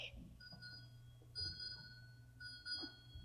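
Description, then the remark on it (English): A ship's bell strikes six bells, rung in evenly spaced pairs of clear, ringing strikes over a low steady hum. “Six bells.”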